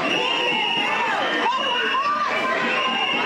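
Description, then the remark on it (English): A frustrated crowd of community members storms the auditorium at a Thursday town hall meeting in Boyle Heights, many voices shouting and clamoring at once in a dense, steady roar with rising and falling yells over the din, loud throughout. “Frustrated community members storming the auditorium.”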